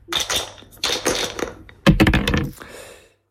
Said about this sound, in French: Vous êtes tellement en forme, vous avez lancé les dés un peu trop fort. Vous faites un 12 et on fait un tour de plateau.